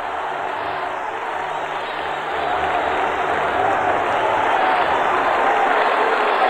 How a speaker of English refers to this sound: He's cross-checked from behind by the defender Dave Manson. And the crowd is going to boo here. Manson can't believe it.